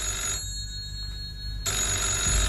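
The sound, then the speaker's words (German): An old-fashioned telephone bell rings loudly in a living room, a brief jangle, a short pause, then a longer rattling ring, with no voices. “Eben als er die Stube betrat, klingelte das Telefon.”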